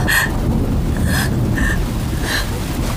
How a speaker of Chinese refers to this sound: 小主从小就怕雷声，尤其是这殿上的雷。